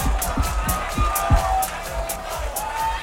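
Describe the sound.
A crowd claps steadily, with sharp, evenly spaced claps that sound almost in time, mixed with a murmur of voices and some cheering underneath.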